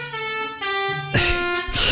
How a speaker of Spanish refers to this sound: La bocina que toque, tipo... La infartoneta. La infartoneta llega con este claxon. El de adelante va despacio. Claxon, acelero.